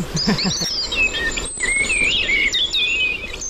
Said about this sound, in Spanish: Mirlo común.